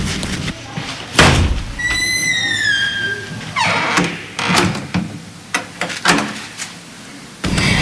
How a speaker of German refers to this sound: knallte wütend die Tür zu und drehte den Schlüssel im Schloss um.